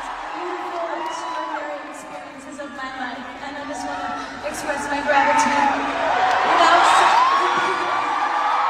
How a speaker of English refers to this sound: Can't really hear her there because everyone was cheering so much for her, but she did cry.